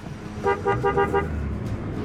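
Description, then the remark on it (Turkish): A car horn gives a quick series of about four short toots in a steady rhythm over a low rumble of an idling vehicle and faint outdoor background. “Büyük köpekleri görüyor musunuz? Hepsi kornaya alışık.”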